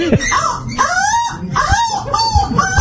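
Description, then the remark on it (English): A person imitates a crow's call with about four loud, nasal, wavering cries in quick succession, each rising and then falling in pitch, with a scratchy, strained edge to the voice. “What does it sound like? That's not a... The crow.”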